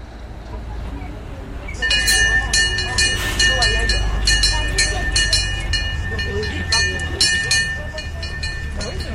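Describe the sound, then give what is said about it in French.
A small tourist train in Fougères, finishing its tour, rolls past with a steady low engine rumble, a thin high whine and rattling clatter that starts abruptly after a quiet moment and stays loud throughout. “voilà Jean-Louis qui est le conducteur du petit train. Il termine son tour avant de partir déjeuner”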